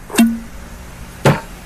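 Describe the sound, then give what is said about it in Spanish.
A rum bottle being uncorked: two short, crisp pops about a second apart, fairly loud, the first followed by a brief low ring, with no voices. “Primero se destapa,”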